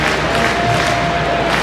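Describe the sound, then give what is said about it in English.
A large stadium crowd at a Cardinals-Cubs baseball game chants and cheers batter Pete Crow-Armstrong's initials, PCA, together, a dense, steady roar filling the whole moment, with no single voice standing out. “he is listening to Chants of His Own Name, PCA.”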